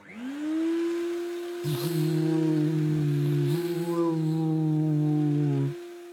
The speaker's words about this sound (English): He looked at the hoover with loathing. Why didn't that stupid machine just hoover by itself? A robot hoover, that's what he needed.